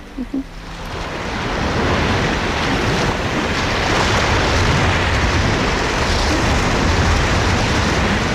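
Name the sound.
ocean waves crashing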